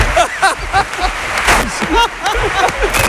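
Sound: applause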